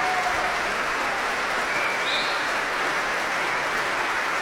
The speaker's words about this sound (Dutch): Hij laat het orkest weer opstaan om dit zeer enthousiaste applaus in ontvangst te nemen.